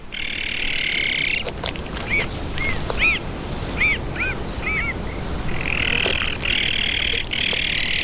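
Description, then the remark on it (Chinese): Azure-winged magpie calls from the father bird, back to care for the nestlings with the mother: a run of short, arched chirps repeating in quick succession, set against a steady raspy buzzing chorus that swells in and out. “灰喜鹊爸爸也回来了，他开始和妈妈一起照料雏鸟。”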